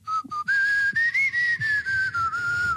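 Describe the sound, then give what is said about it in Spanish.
A person whistles a clear, fairly loud tone that wavers slightly up and down and holds almost unbroken for a few seconds, with soft low knocks underneath. “Dejar de silbar, por hay favor.”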